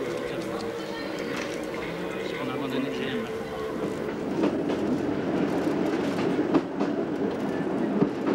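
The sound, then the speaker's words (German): A metre-gauge train runs steadily along single-track rails on the climb to the San Quirico Pass with a continuous rumble, and sharper clattering knocks from the wheels grow slightly louder and busier in the second half. “Das wirklich abenteuerliche Stück Eisenbahn beginnt etwa in dieser Gegend beim Aufstieg zum San Quirico-Pass.”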